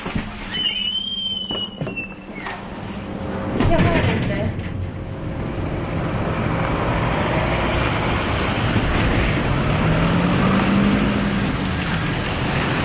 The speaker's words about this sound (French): Nous descendons à la mine en voiture. Nous rentrons dans la mine en voiture.